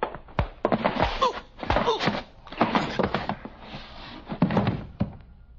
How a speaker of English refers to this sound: All right. Open the door. Yeah.